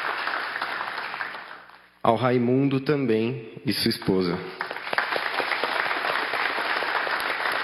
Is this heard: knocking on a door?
no